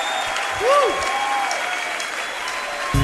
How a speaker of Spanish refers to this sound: Dale un fuerte aplauso.